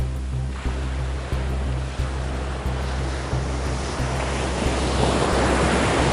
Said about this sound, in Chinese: 今天风很大，海浪很复杂，但是我觉得是我们训练的好天气。